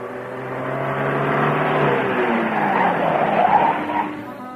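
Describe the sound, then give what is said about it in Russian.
A car engine hums, its tone dropping steadily as the vehicle slows and stops outside a house, with tyre and road noise rising briefly before the sound eases off near the end. No one speaks. “Слышен шум останавливающегося у дома автомобиля.”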